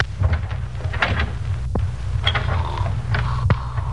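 A few soft mechanical clicks and a faint creak as FBI agents quietly unlock and ease open the door to the room where Moran is sleeping, over a steady low rumble with no talking.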